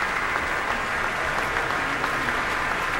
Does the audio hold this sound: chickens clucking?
no